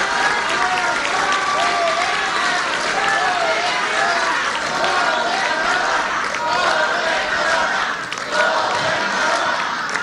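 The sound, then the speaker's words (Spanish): Sustained applause from a large audience, dense and steady for the full stretch, with a murmur of crowd voices and a few cheers mixed into the clapping, given as a round of applause for the governor. “Y entonces hay que darle otro aplauso a la gobernadora porque mucho se debe a su trabajo, a su liderazgo.”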